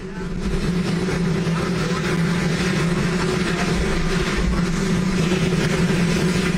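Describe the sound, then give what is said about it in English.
A loud, steady helicopter roar at the White House unveiling of a helipad fills the whole recording, a dense rumbling drone with a low throb, nearly burying the faint voice of President Donald Trump speaking underneath. “It's like sort of, it's like when you choose to sleep with like rain noise, but like hot helicopter noise.”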